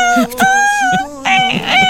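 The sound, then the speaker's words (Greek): A human voice mimics a dolphin with high, squeaky whistling squeals: one long wavering cry that bends in pitch, a brief pause, then a shorter, shakier burst. “Στείλτε μας, ρε παιδιά, και στα δελφίνια σας να το ακούσουμε.”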